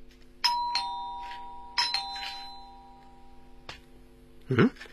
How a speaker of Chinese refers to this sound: 急不可待地踏上台阶，轻响了103室的门铃。